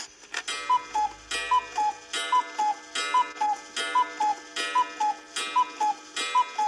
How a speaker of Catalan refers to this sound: A la casa només hi havia un rellotge, entonces hi ha un disco, que aquest està desmuntat, i això era el despertador. Un posava l'hora, sí, i el rellotge tocava. Fantàstic. Era el rellotge que hi havia a la casa, perquè només n'hi havia un.